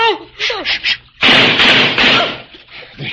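A sudden loud burst of gunfire erupts and rattles on for about a second, after strained voices cry out and before the noise dies down to scattered sounds.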